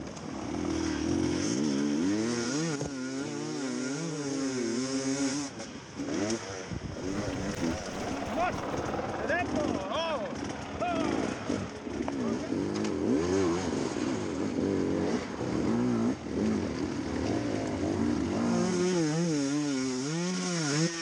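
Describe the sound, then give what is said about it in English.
A motorcycle engine on a race track revs loudly and continuously for about twenty seconds, its buzzing pitch repeatedly climbing and dropping in throttle swells, with a steady rough roar underneath. “Is a bike caught fire?”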